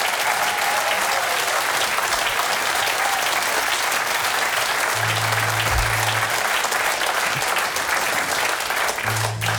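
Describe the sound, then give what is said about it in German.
Sustained applause from a concert audience for the band, a dense steady wash of clapping that stays loud throughout, with a low hum briefly rising beneath it midway and again at the end. “Applaus für die Band!”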